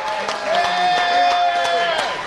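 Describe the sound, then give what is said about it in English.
An audience at Brandon's Diner on Sunnymead in Moreno Valley, during a live broadcast of the Morning Answer, applauds with a steady patter of claps, while a sustained high tone, like a whistle or cheer, holds over the clapping for about two seconds. “A big round of applause for all of you coming out.”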